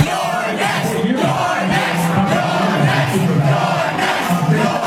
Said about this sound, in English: That is the crowd of overwhelmingly young, white, high-income progressives chanting, "You're next," as Hakeem Jeffries comes on television.